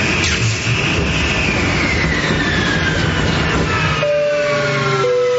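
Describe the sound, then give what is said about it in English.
A loud, roaring aircraft engine whines downward in pitch as it falters and fails to catch, over a constant rumble, ending in a couple of steady, thin tones. No one speaks. “As you can see, we're experiencing engine failure.”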